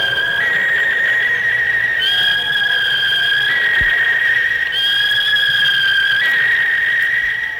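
A referee's whistle ending the first half of a football match between Sport and Botafogo de Ribeirão Preto holds one long, shrill, steady blast, its pitch stepping slightly up and down a few times, over a low, constant background rumble.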